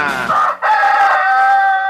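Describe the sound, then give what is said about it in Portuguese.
A rooster crows loudly, a brief first note followed by a long, strained, drawn-out call with a rough, throaty tone. “Esse galo tá cantando grosso, gogó de sola!”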